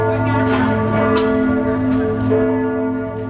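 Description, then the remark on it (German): Church bells in Nuremberg's old town ring out 3 p.m. on a Friday afternoon from a church almost 800 years old: a dense wash of overlapping, sustained metallic tones with strikes layered over a rich, humming resonance, loud and steady throughout with no talking. “15 Uhr läuten in der Nürnberger Altstadt.”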